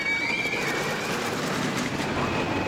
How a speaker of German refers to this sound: Erst recht, wenn man sie in der berühmten Holzachterbahn Kolossos im Heidepark hört, der Wagen langsam in die Höhe gezogen wird und dann mit Karacho in die Tiefe gleitet.